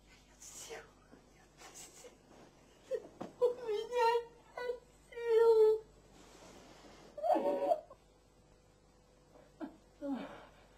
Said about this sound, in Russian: Странно, что это. Плачешь ты, а не я.